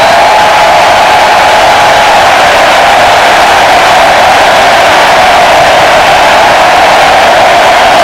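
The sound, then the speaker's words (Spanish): A huge stadium crowd in Kansas roars in a sustained ovation for Argentina's Leo Messi during a World Cup match against Algeria, a dense, loud wall of cheering and whistling that holds steady for several seconds without any clear talk over it. “La gente saca el móvil y ahí está, dorsal número 10, Leo Messi, 16 de junio, 3 goles, la ovación de Kansas para el argentino.”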